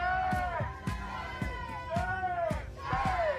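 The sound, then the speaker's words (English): A crowd of protesters at Christchurch's Te Pae Convention Centre, where the New Zealand Aerospace Summit is taking place, chants "shame" loudly in unison at Rocket Lab, aerospace, police and the government, in a steady rhythm, the raised voices overlapping and rising and falling with each call. “Police are easily outnumbered by protesters who are holding signs and chanting shame at Rocket Lab, Aerospace, police and the government.”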